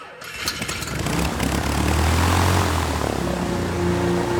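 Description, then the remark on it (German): Propeller engines of a waiting DC-6 airliner in Leopoldville, Congo, September 1961, as UN Secretary-General Dag Hammarskjöld boards, spin up and run at a steady, loud drone, with a low throbbing hum and broad roaring noise throughout, no voices present. “UNO-Generalsekretär Dag Hammarskjöld steigt in die wartende DC-6.”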